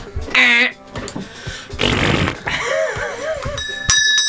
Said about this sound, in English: Or, do you want us to all try our buzzers first? Yes, try buzzers, please.